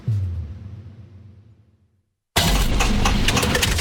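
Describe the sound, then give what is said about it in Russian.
A car engine's low hum winds down and fades to a brief silence, then a loud, harsh mechanical grinding bursts in abruptly and continues steadily to the end. No one speaks. “Слышали, как вращается двигатель?”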